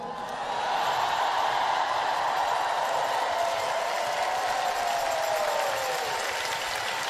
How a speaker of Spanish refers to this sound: Fuerte ese aplauso para la palabra del Señor.